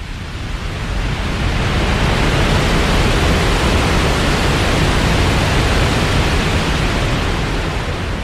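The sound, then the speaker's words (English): Niagara Falls, on the border of the United States and Canada, roars steadily, a dense, loud, unbroken rush of water filling the whole clip from start to finish, with no voices or other sounds breaking through. “Today's spotlight is on Niagara Falls.”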